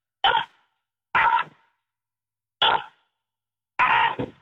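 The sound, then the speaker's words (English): A person imitates a crow with four harsh, raspy caws, each short and loud, spaced irregularly with silence between them and no other sound. “A bat showed up when you did that crow call you just did?”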